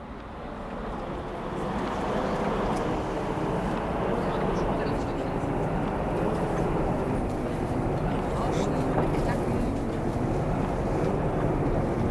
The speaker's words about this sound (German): Die Straßenbahn, die rauscht da ganz vor sich hin so.